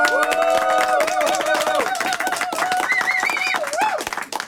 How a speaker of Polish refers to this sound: To może jakieś brawa na koniec jeszcze.